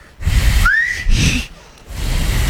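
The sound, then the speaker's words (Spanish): Breathy blowing through a tongue folded back and pressed with the fingers, air pushed out through the channel it forms, yields one short, rising whistle tone, fairly loud, between airy hissing exhalations with no talking. “Ahora presionando, ahora soplan en ese canal, en el hueco que les queda. Para afuera.”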